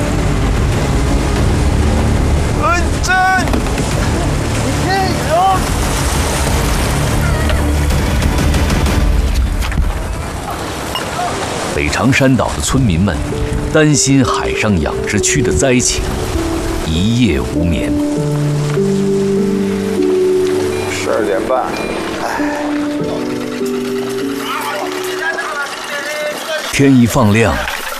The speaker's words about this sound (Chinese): 今晚到明天，渤海黄海的这一带海域就会刮起6级以上大风，阵风有9到10级。 突如其来的狂风大潮袭击了长山列岛。